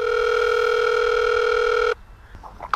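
A gate bell sounds as one steady, loud electronic buzz, an even tone held for about two seconds before cutting off abruptly, followed by faint rustling.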